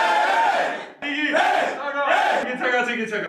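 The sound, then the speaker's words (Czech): A group of men on a hockey team loudly shouts the team's victory chant, which comes from the locker room after every winning match, in three rhythmic bursts, voices rising and falling together with strong harmonic tones, a crowd-like roar between phrases. “Co myslí bývalý hokejista Koukal nepovedeným pokřikem, ten vychází z kabiny vždy po vítězném utkání”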